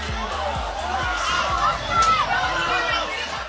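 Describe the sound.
A large crowd of students shouts and cheers excitedly outdoors as the student section rushes the field through the gates after a homecoming night game, a dense wash of overlapping voices with scattered whoops rising and falling, plus low rhythmic thumps underneath.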